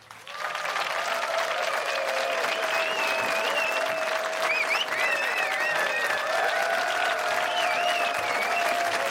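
Sustained audience applause, a dense steady patter of clapping that rises quickly and holds at an even, loud level throughout, with occasional cheers and whistles riding above it.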